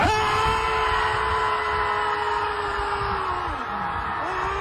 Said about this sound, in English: They just let it all out. They just went to the beach just to scream and let it all.